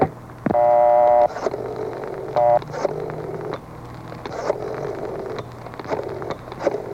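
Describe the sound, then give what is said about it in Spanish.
A telephone being dialed to call a jewelry store: a sustained electronic dialing tone, then a second shorter beep, set against a steady background hum with faint clicks and rustling. “Páseme ese teléfono.”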